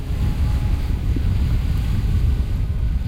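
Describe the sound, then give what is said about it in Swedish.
Icy wind roars steadily across the height by the lighthouse on the island of Fjuk, with heavy low buffeting against the microphone and no voices, a continuous loud gusty rush. “Vinden uppe på höjden blåser fullkomligt iskall.”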